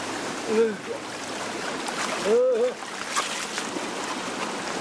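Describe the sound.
A cold mountain valley stream on Jirisan rushes steadily, a continuous broad splashing wash of water, while a man's voice lets out a couple of short exclamations over it.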